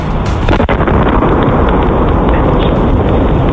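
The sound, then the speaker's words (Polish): A sonic boom from a meteor about one metre across over the northeastern USA in the daytime sky: a sharp crack early on within a loud, continuous roaring rumble that fills the whole clip, with no voices. “Amerykańskie Towarzystwo Meteorytowe podało, że grom dźwiękowy wywołał meteoryt o średnicy około metra.”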